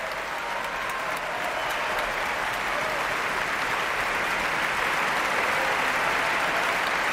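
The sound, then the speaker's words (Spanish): Sustained ovation from a large concert audience for the Orquesta Nacional de España as conductor David Afgan returns to bow and the horn section stands, a dense, steady wash of clapping that holds at full strength throughout, with faint murmurs of crowd noise mixed in. “Son ahora las trompas las que se ponen en pie para recibir esta ovación.”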